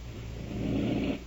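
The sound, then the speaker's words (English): A single raspy, breathy rush of air as a woman patient breathes on her own through an oxygen apparatus that is not forcing air in, swelling louder midway and then easing off, with a low rumbling hum beneath and no talking. “Just making it easier for her to breathe so steadily.”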